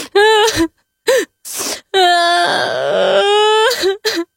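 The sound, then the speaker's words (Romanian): A voice imitates a snail crying on a leaf: a few short, high sobbing wails, then one long wavering wail, ending with two quick sobs, loud and alone. “Mama se așeză lângă el pe marginea frunzei și ascultă plânsul.”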